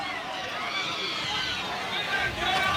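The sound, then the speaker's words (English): A baseball crowd reacts in disagreement after a check-swing appeal to first base on a 2-2 count, a dense, steady roar of many voices that holds throughout and swells slightly louder toward the end. “The crowd disagrees.”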